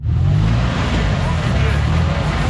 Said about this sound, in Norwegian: Det fremleis lyden av motor og lukta av eksos som dominerer I sentrum av Nairobi.